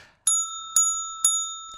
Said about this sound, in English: I am ringing the bell for you.